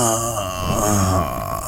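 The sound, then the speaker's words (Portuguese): An old man lets out a long, drawn-out contented groan, fairly loud, with a wavering pitch that sinks and lingers for nearly two seconds, as he sits down in a Ferrari. “Senta-se como um velho contente ao sentar-se.”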